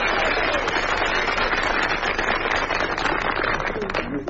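A large audience bursts into sustained applause, a dense, steady wash of many hands clapping at once that holds loud for several seconds before easing slightly at the end.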